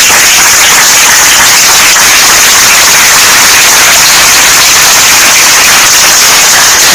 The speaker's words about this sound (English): A round of applause.